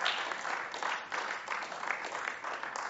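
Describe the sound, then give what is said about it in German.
Sustained applause in a parliament chamber after a speech, a dense wash of many hands clapping together at steady volume throughout, with no single voice standing out. “Wenn Sie zu Applaus aufrufen, geht der Applaus von Ihrer Redezeit ab.”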